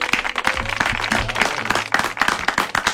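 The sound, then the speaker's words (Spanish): An audience applauds steadily for guest Carlos Rottenberg on the show Vida y Obra, many hands clapping in a dense, continuous patter that stays fairly loud throughout, with a low hum of murmur underneath. “Bueno, ha vivido esto, todos 50 años de estos de los aplausos, así que gracias por venir, Carlos.”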